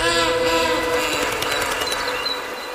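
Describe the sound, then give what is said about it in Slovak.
A train pulling away, a loud steady rumble and clatter with faint tonal whining over it, easing off slightly toward the end. No one speaks. “Vlak odišiel.”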